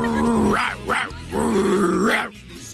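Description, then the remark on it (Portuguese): A person imitates a crazed, out-of-control female dog, producing a few rough, throaty growls in quick succession with rising snarls, loud, with no other talking. “É, no caso aí é uma cachorra louca, né?”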